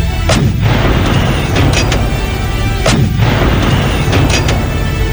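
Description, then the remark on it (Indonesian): Heavy cannon fire from attacking troops booms repeatedly over a dense, rumbling battle din, with sharp blasts around every second or so, loud, and no voices. “Kita akan serang mereka. Pasukan, serang dengan meriam!”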